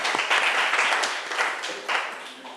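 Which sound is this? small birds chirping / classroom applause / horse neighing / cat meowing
classroom applause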